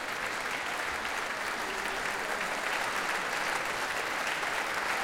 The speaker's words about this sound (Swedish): Och nu kommer George Benjamin ut på scenen och ansluter sig till applåderna också till violinisten här. Och nu får han själv komma fram på scenen och fortsätta ta emot tacket från publiken.